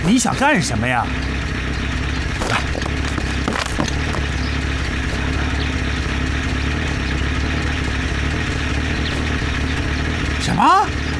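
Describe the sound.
A heavy armored vehicle with a burst tire, driven out onto the street, idles steadily with a deep, continuous rumble throughout, while brief voices break in near the start and again at the end.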